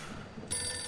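A telephone rings, a bright electronic tone that starts abruptly halfway through and holds steady at moderate loudness, with no talking over it.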